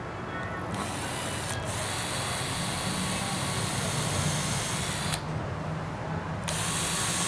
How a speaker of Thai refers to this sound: สว่านนี่เจาะนำไหมพี่ ใช่ครับเอาตัวนี้ เจาะนำนะ เอาตัวนี้เจาะนำตัวนี้เราเรียกว่าสว่านเจาะไม ้สว่านเจาะนำ